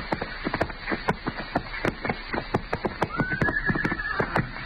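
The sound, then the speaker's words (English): Hooves clip-clop in a steady, uneven rhythm while a horse lets out a rising, drawn-out whinny partway through; several saddled horses seem to be wandering about down a street at moderate volume. “what do you figure them horses are doing down there?”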